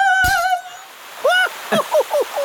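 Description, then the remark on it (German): A steady rushing hiss of water gushing out continuously from a water pipe struck with a pickaxe, with a sharp knock near the start and a few short squeaky, chirping tones breaking in over it. “Dachte ich's mir doch. Eine Wasserleitung.”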